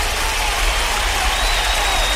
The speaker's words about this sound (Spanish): Un aplauso, claro que sí.